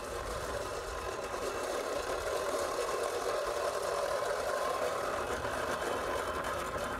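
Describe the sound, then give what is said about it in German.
A motorless push reel lawn mower whirs steadily through grass, a continuous mechanical clatter of spinning blades that holds an even, fairly loud level throughout, measured at an average of 65 decibels, with no one talking. “Bei diesem Modell ist zumindest die Lärmquelle Motor schon mal gar nicht vorhanden.”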